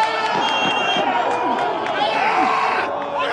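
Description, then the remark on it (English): Sideline crowd noise at a local Iraqi Chaldean League soccer match, the first game of the summer: a steady, loud wash of overlapping voices, with shouts, including a yelling goalie, and excited calls rising and falling throughout. “I'm at a match for a local league, the Iraqi Chaldean League.”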